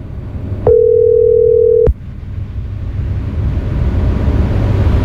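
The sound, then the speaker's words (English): A WhatsApp call ringing tone sounds once as a steady electronic beep lasting just over a second, then cuts off abruptly, leaving only a low background rumble. “But we will continue this morning's program, and let me try to get Mrs. Purcell on the WhatsApp so that we can talk on the phone.”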